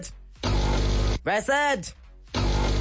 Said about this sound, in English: It is indeed a coffee machine.